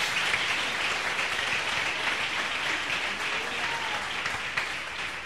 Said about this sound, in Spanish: Denle un abrazo, aplauso al Señor.